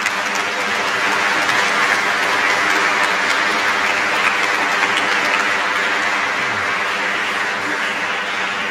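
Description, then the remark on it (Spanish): An audience applauds the Lord at the end of a Catholic Mass, a dense, steady wash of clapping that holds at an even loudness for the whole stretch, with no clear voices standing out. “Fuerte ese aplauso para el Señor.”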